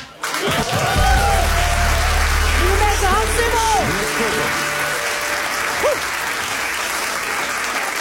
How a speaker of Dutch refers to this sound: En ik laat het applaus even lekker lang doorklinken.